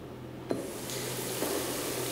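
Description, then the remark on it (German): An outdoor shower for small children at the campsite in Alt Schwerin on Lake Plau, Germany, turns on with a sudden click and a burst of water, then runs in a steady, bright hiss, with a second faint knock partway through. No one speaks. “Ne, du hast ja normalerweise so Dusche für kleine Kinder und das mögen die ja nicht.”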